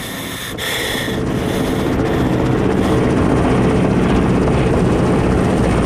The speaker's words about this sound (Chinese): 飞机准时到达，命令7式、9式先进，4式、3式跟进。飞机把炸弹投向哪儿，部队就向哪儿进攻。